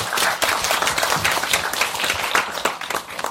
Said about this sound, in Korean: 큰 박수로 이때 쳐주세요.